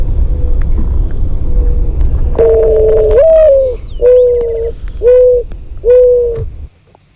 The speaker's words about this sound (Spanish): ¿La has adivinado? Es una tórtola turca.